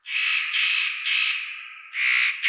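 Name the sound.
spotted nutcracker crow-like call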